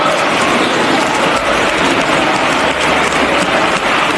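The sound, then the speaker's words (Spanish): Sustained applause in parliament, a closed ovation given to Ábalos after the Dieselgate: a dense, steady wash of clapping from a large crowd that holds at full loudness for several seconds without a break or any speech. “Así que imposible no acordarse hoy de otras ovaciones cerradas, como esta que le brindaron a Ábalos en su día, después del Dieselgate.”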